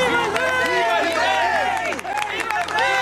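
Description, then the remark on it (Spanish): A large crowd claps and shouts together as Joash is crowned, anointed and proclaimed king at the temple, many voices rising and falling over steady applause in a dense, continuous, loud roar. “Lo ungieron y lo proclamaron rey, y todos aplaudieron y gritaron.”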